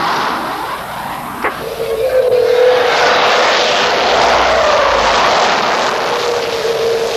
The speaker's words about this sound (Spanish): Una nave penetra espacio aéreo nuestro. Salen jets a interceptar. Estamos despegando.